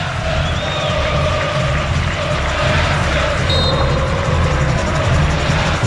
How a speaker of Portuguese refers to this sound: Falta marcada a favor do Santos, que busca ampliar o marcador. E a torcida continua se animando na Vila Belmiro. Sinta o clima na Vila.